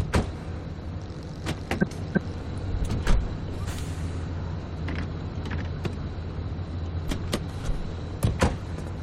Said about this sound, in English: the car will roll away if we don't put it in park.